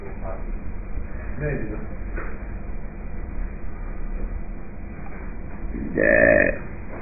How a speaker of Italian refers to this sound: Ruttino.